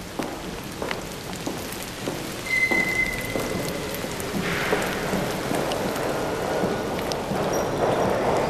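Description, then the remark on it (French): Light rain patters steadily with soft, irregular drops tapping a surface, a gentle continuous crackle that thickens slightly partway through. A faint high tone briefly sounds over it; no one speaks. “La pluie, ça peut être un crépitement léger.”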